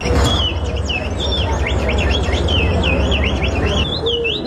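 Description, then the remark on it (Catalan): A person imitates birdsong in a bird-imitation contest, with quick, high whistled chirps and trills, repeated steadily for several seconds over a constant low rumble of background noise. “Que no, que són persones reals. O sigui, són ells imitant els ocells.”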